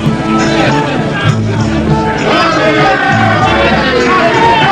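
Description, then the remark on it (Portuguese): A large crowd outside runs about shouting and clamoring together, a dense, unbroken roar of many voices with louder cries rising from the mass, steady throughout. “Na varanda ajardinada, as horas passam devagar, ao contrário da multidão lá fora, que corre aos gritos, manifestando suas crenças, sua alegria e até mesmo suas desesperanças.”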